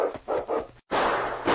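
King, Preston's huge malamute, barks several times in quick succession, loud, then lets out a longer, rougher burst after a brief pause as he swiftly pursues a fleeing dog sled. No one speaks.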